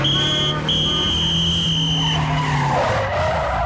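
A car brakes hard with a long, loud tire skid: a steady high squeal with harmonic tones that holds for about two seconds, then breaks into a rougher, noisy scraping as it winds down.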